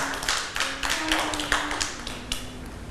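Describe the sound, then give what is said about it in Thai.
Children clap together for a young child in a loose, uneven patter of many small hands, with louder bursts every half second or so, and a faint steady tone hums underneath throughout. “เด็กๆปรบมือให้น้อง”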